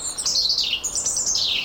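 european robin singing

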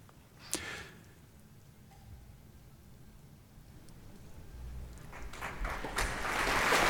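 concert audience applause

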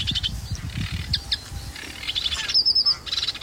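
sedge warbler song

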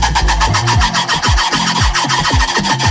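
red ruffed lemur call

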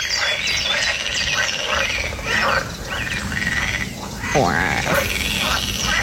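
pool frogs croaking

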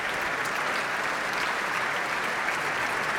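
concert audience applause

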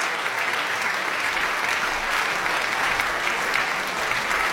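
concert audience applause

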